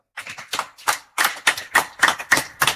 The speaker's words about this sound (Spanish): Otro aplauso a Rechke.